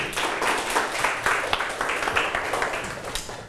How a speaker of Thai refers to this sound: ปรบมือให้ตนเองลูก